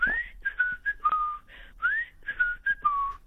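A person whistles a short, lilting tune with rising slides and held notes; the breathy phrase is played twice with no talking.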